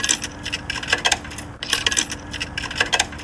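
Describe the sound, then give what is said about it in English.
Coins clink and rattle as they drop into a jukebox, a quick series of bright metallic jingles with a brief pause midway, with no voices. “And as those coins drop into the jukebox, we go back to the year of 1846.”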